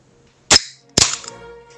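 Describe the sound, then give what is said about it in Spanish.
A beer can being opened: a sharp metallic click, then a second crack followed by a brief fizzing hiss. No one speaks. “Ah, dice, abrió una lata de cerveza.”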